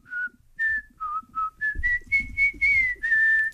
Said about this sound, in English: Do you want me to whistle it? You can whistle it. Yeah.